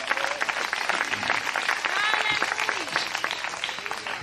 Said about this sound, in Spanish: Denle un fuerte aplauso al Señor en esta preciosa hora.